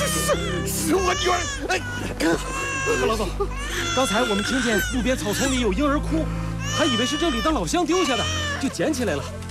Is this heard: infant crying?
yes